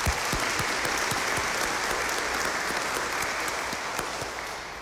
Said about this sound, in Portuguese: Uma salva de palmas para a coordenação.